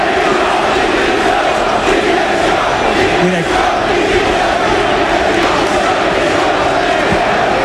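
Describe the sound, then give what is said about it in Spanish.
A large football crowd at the end of a Spanish second-division match between Leganés and Mirandés chants the protest slogan "Directiva dimisión" (board, resign) in unison, a loud, dense roar of voices that holds steady throughout, with a faint rhythmic pulse and no individual speaker standing out. “Ahora la falta sobre Franquesa y escucha lo que se grita ahora, ¿eh? Directiva dimisión.”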